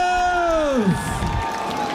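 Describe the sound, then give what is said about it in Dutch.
A crowd cheers and applauds in a steady, loud wash of noise, while a tonal sound slides downward in pitch over the first second. “Applaus voor jullie zelf!”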